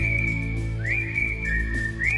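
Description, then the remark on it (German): A clear, bright whistled melody glides between a few sustained notes over a full, steady instrumental backing track, as in a pop song. “Und wir alle kennen da dieses Pfeifen, das drin vorkommt.”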